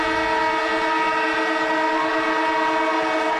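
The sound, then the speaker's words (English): A loud siren sound effect on ABC Melbourne radio blares continuously for about three seconds, holding one steady, buzzy pitch with a rich harmonic tone and no wail, announcing AFL legend Cameron Ling with breaking news. No one speaks over it. “And the siren goes off, which means Cameron Ling, AFL legend, ABC sports commentator, is in the house with some breaking news, Lingy.”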